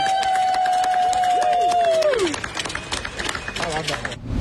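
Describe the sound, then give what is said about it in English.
A large cricket crowd, some fans dressed as cricket players, cheers and chants 'Everywhere you go, you always take the Weathers with you' for Jake in the outfield by the grandstand, with scattered clapping, while a steady high whistle-like tone holds for a couple of seconds and then slides downward; the crowd noise thins out toward the end. “And the crowd does start getting into it.”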